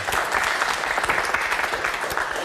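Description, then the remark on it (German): Steady applause from a studio audience in the large Studio Franken of the BR in Nuremberg, a dense patter of many hands clapping at an even loudness throughout, with no voices rising above it. “Ja, und Sie hören es schon, wir sind hier im Studio Franken des BR in Nürnberg, ein großes Studio und wir haben Publikum da, das mitdiskutieren wird,”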